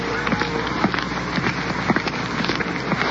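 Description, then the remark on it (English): Light rain falling on a street in icy-cold wind: a steady, even hiss dotted with countless small, irregular taps and patters, moderately loud and continuous throughout, with no voices. “There's a slight rain falling right now, and the wind makes it icy cold.”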